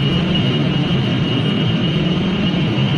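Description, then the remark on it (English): Data center cooling equipment hums in a loud, unbroken mechanical drone, a dense low rumble with a thin high-pitched whine held steady over it, with no talking and no change for the whole stretch. “If you live near one of the 3,000 data centers around the country, it might sound familiar.”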